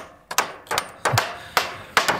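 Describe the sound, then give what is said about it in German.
Hammering while finishing a browse-protection fence for young deciduous trees in the Harz, at the district forester's in Dreieinhohne, Saxony-Anhalt: five or six sharp, ringing strikes in a fairly steady rhythm, moderately loud, with no talking. “Wir haben es gerade gehört bei MDR Sachsen-Anhalt, beim Revierförster in Dreieinhohne, da werden Verbisschutzzäune fertig gemacht, um die jungen Laubbäume im Harz zu schützen.”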